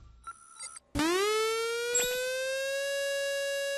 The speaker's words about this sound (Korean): 이 소리는 화재경보기가 아니라 민방공경보입니다. 민방공경보요? 그게 뭔데요? 민방공경보란 적의 항공기나 미사일 등에 의한 공격이 예상되거나 공격 중일 때 그 사실을 국민들에게 신속히 전파하기 위한 것입니다.